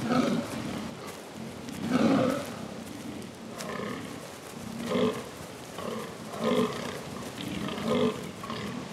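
Hoarse, grunting rutting calls of fallow deer stags with large palmate antlers, weighing about 80 kilograms, at a rutting ground during mating season, calling to impress females. The calls repeat in a series of short, rough bursts at fairly regular intervals, with no talking over them.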